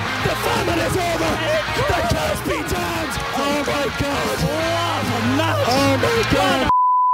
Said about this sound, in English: I love the swear beep in there as well.